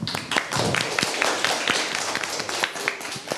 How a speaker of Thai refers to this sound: ขอเสียงปรบมือให้กลุ่มที่4ด้วยครับ